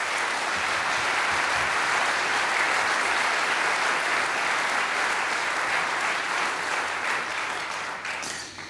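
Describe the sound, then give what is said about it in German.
Sustained audience applause, a dense wash of many hands clapping at steady loudness for several seconds before beginning to taper off at the end. “Ja, also großer Applaus bitte.”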